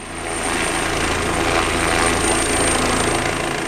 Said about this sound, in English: Smoke blankets the sky, and it's impossible to escape the noise of helicopters scooping up water from a nearby pond.